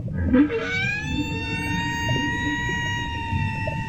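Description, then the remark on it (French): A single long, moaning call from a whale going out to fish, rising in pitch and then holding as a steady, harmonic-rich tone for several seconds over a low, rumbling wash of background noise. “Elle peut pas pêcher toute seule, cette baleine ?”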